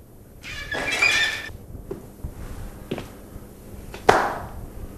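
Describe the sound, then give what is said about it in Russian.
A door handle turns with a high, squeaky metallic creak, then a few sharp clicks follow, the last one loudest, with no voices. “У дверей вертится ручка, Хлестаков бледнеет и съеживается.”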